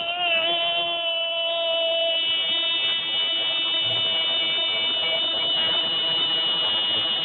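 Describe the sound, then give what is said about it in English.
A voice imitates the loud buzzer of an old wrecker, a big tow truck at a former workplace, holding one harsh, steady, droning tone without a break for several seconds, forceful with no talking. “you were texting me that an old wrecker, a big truck at your old work, had a real loud buzzer.”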